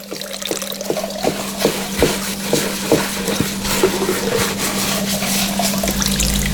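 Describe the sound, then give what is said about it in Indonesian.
Running tap water pours steadily while dishes clink and knock against each other in an irregular rhythm as someone washes the dishes, with no voices. “Ini sudah bantu cuci piring, bantu lagi masak, malah bukan bantu, aku yang masak sendiri.”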